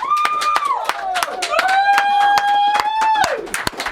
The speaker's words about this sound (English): let's ask everyone to clap.